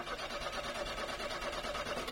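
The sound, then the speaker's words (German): A car engine cranks over and over in a steady, rapid chugging rhythm without catching, as the car fails to start; loud for a couple of seconds with no voices. “Lief doch gerade noch alles super und dann springt der Wagen nicht mehr an.”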